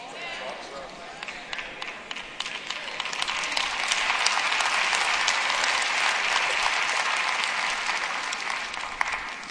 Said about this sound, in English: I don't know why the claps get lower and lower every time y'all do it.